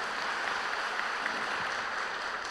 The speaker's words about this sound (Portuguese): Uma salva de palmas para os romeiros e romeiras, peregrinos e peregrinas.